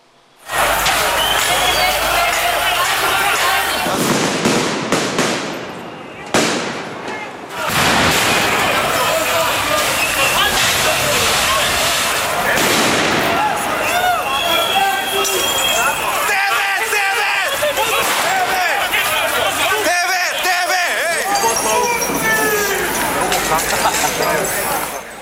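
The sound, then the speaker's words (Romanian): A loud, chaotic street crowd of young protesters in Belgrade roars and shouts nonstop while sharp explosive bangs of firecrackers thrown at gendarmes burst out several times, some harsh, amid constant background commotion. “Grupuri de tineri au incendiat tomberoane și au început să arunce cu tot ce au apucat, pietre, sticle, petarde și fumigene, toate în direcția jandarmilor.”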